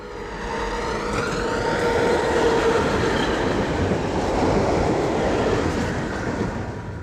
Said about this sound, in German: Ich kann das Geräusch der Straßenbahn nicht ändern, aber ich kann es schön finden.